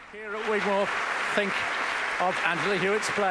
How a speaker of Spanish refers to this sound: Y escuchamos cómo la audiencia sigue aplaudiendo en el Gigmore Hall a Angela Hewitt.